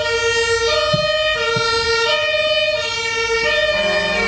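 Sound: fire engine siren passing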